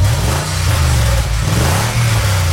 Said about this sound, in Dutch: Het geluid van een ronkende motor.